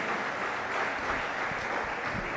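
An audience applauds together for the Heavenly King, a dense, steady wash of many hands clapping for a couple of seconds with no voices on top.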